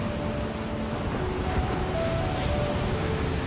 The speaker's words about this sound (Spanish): Este es el océano. Una presencia tan inmensa que cubre más del 70% de nuestro planeta.